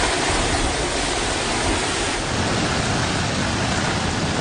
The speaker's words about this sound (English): Making landfall off eastern China, bringing 144-kilometre gusts and leaving entire towns deserted. Winds so strong with the downpours to match, hundreds of flights are cancelled and some high-speed railway services halted.